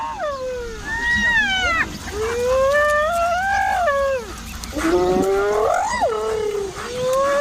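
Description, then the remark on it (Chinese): Spotted hyenas call excitedly, signaling after finding something while searching for food, several voices overlapping in loud, wavering whoops and whines that rise and fall almost without pause. “斑猎狗的这种叫声是在传递信号，它们通过灵敏的嗅觉寻找食物，这激动的叫声表明它们有所发泄。”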